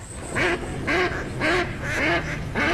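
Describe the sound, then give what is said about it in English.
A series of about five loud, nasal duck quacks in steady rhythm, each a harsh burst, with no talking. “Do you hear that? And that's music to my ears. Time to gear out for bird season.”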